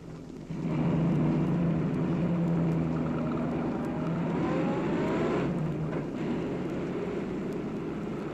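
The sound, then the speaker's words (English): A new pickup truck's engine drones steadily as it drives along a mountain road, starting up loudly after a brief moment and staying continuous, with no voices. “I was driving Dad's new pickup when I came around a bend in the road, and there was a horse with two men riding it.”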